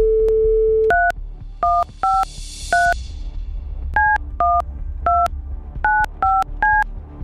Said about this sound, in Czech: a už se nahýbám k našemu studiovému telefonu, abych vytočil telefonní číslo, které na té SMS-ce stojí. Tak pojďme na to.